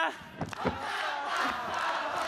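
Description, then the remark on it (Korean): A crowd shouts and cheers together in a sustained, dense roar, answering a call to shout if they are having fun, with a couple of sharper bursts early on and the noise holding steady and loud throughout. “자, 즐거우면 소리 질러!”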